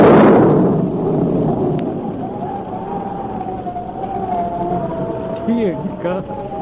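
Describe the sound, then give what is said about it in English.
Thunder booms loudly at the start, then rolls on as a long, low rumble that lingers steadily, like a storm coming up. “Could that possibly be thunder? It sure sounds like a storm coming up,”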